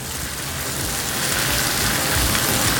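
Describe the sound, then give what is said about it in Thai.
A loud, steady sizzle of stir-frying over high heat, a dense crackling hiss that holds constant and swells slightly toward the end, with no voices. “เขาอยากจะผัดแบบให้มันฉ่าแรงๆไฟแรง”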